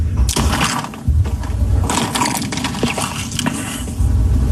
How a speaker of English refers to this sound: The sound effect you heard was him taking a drink of water as that question was being asked, HD, loudly